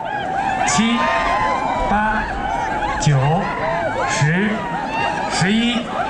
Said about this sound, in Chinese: 训牦牛比赛高潮迭起，选手们施展着各自的驯牛技艺，如同是一场斗牛比赛，惊险场面层出不穷。 现在他们牦牛上停留的时间，牦牛得动，牦牛要不动就不计时啊！ 伴随着观众们的欢呼声与尖叫声，这片草原彻底沸腾起来。